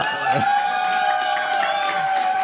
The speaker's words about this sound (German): Man merkt es schon vom Applaus.